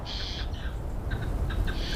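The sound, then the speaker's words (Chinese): A magpie gives harsh, raspy chattering calls in a few rough bursts, with a short pause in the middle, heard over a steady low rumble of outdoor background noise. “他必须确保自己不会被爱通风报信的喜鹊发现。”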